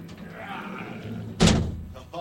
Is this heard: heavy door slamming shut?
yes